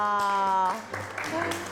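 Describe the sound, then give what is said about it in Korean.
A sustained, held vocal note gives way to a burst of audience applause, a dense wash of clapping with voices mixed in, lasting about a second. “박수가 절로 나오네요.”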